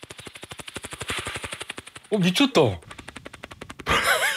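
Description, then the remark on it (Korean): A person mimics a helicopter rotor with their mouth, a military-style trick done when a guest arrives: a fast, steady chopping pulse held for a couple of seconds, then continuing more faintly as others react with an exclamation and laughter. “아 헬기 소리 나요?”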